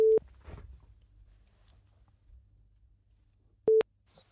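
A telephone ringback tone as a radio studio places an outgoing call to a listener: a steady electronic beep sounds, followed by a long quiet gap before it returns, with faint low background noise between the tones.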